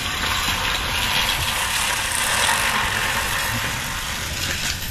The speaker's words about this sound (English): You get a workout when you run this thing. Definitely. The human-powered lawnmower.